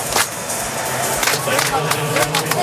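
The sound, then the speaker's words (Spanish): A football crowd claps in a typical South African folk rhythm, not flamenco palmas, as the teams walk onto the pitch. Sharp, bright claps ring over a steady roar of voices and stadium noise, with people talking throughout. “Vamos, que salimos, no son palmas flamencas, son el folclore típico sudafricano.”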